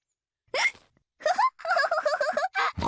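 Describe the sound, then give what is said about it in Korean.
A child hiccups several times in quick succession while trying to play catch with a ball, short squeaky vocal hics with brief gaps between them, loud, with no talking. “딸꾹질 때문에 공놀이가 잘 안 되는군요.”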